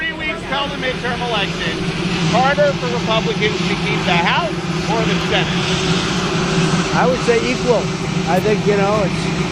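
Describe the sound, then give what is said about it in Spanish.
The engine of Marine One, the presidential helicopter, runs with a loud, steady droning hum throughout as President Trump is about to board, while people's voices speak over it. “When you have a sitting president, no matter how good, nobody's Trump, que reconoce antes de subirse al Mariner One, al helicóptero, que pueden perder las dos cámaras.”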